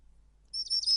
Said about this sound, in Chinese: 小鸟，你们也想吃吗？